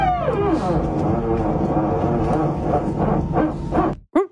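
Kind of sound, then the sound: vehicle, airplane noise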